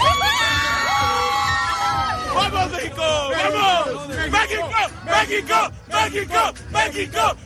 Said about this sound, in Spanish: Hoy nos veíamos en la obligación de abrir con el grito de la emoción de un pueblo, de una nación, la voz de la afición mexicana que después de ver ganar a su selección ante Ecuador ha estado de fiesta durante toda la noche.